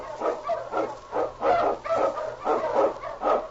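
King the Wonder Dog, an Eskimo lead sled dog, barks repeatedly and energetically, roughly eight sharp, loud barks in a quick, steady rhythm, with no voices around it.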